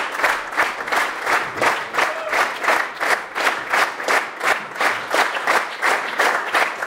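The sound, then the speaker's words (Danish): A standing audience in a full concert hall applauds in a steady, rhythmic unison clap, about three beats per second, clapping two musicians back onto the stage, loud and sustained throughout with no talking over it. “Og her er de kommet op på scenen igen og tager imod applaus fra det stående publikum.”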